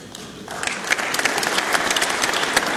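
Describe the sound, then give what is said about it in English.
An audience bursts into applause during a speech, a dense crackle of many hands clapping that swells after a quiet start and holds steady and loud to the end, with no voices heard. “Too many applause lines in this.”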